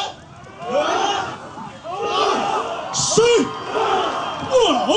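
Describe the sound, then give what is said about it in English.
A crowd of villagers shouts and hollers together in loud, overlapping bursts, rising and falling in waves of effortful group yelling with occasional higher whoops, as they lift a boat to carry it to the water in a ceremony before rowing over 100 miles to the Batanes Islands, northern Philippines. “And with that noise, they're trying to pick up the boat and take it over to the water, all of them together at once.”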